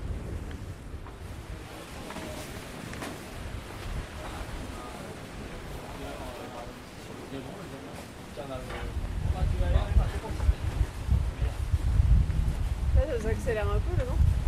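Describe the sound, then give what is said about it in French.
Wind roars across a sailboat at sea during a race, between Groix and the Glénans, a steady rushing rumble that grows noticeably louder and gustier halfway through as the wind picks up, with people talking over it. “Ça accélère un peu le vent.”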